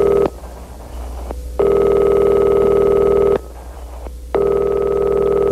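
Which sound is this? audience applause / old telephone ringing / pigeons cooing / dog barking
old telephone ringing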